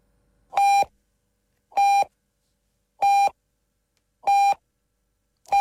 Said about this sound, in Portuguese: Atenção. Atenção aos bips do sinal horário.